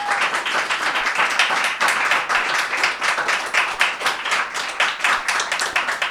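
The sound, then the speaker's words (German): Sustained applause from a crowd, a dense wash of many hands clapping steadily for several seconds at a fairly loud, even level, with no one speaking over it. “Bitte auch nochmal einen Applaus für Lisa.”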